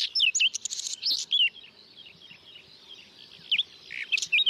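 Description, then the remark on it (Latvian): A whinchat sings in short bursts of scratchy, warbling chirps and whistles, with a pause in the middle before another phrase starts up, against a quiet outdoor background. “Par Luksus čakstītes dzīvesvietām, kā jau mēs noskaidrojām, viņai vārds rāda, ka viņai patīk tādas mitrākas, aizaugušākas vietas.”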